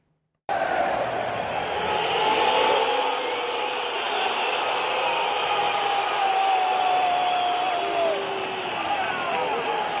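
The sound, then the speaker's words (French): A crowd of about 70,000 at Atlético Madrid's home stadium in Madrid roars with sustained booing, piercing whistles sliding over the din, as an attacker's name appears on the stadium screen during the team presentation. The loud jeering starts abruptly and holds steady for the whole stretch. “Bon, il est devenu sourd, résultat, avec tous ces sifflets.”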